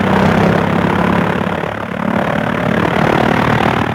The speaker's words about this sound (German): Der Motor rattert, knattert, huppt. Jetzt steigt das Flugzeug in die Luft. Bald ist es 1000 Meter hoch, kaum sieht man da die Erde noch.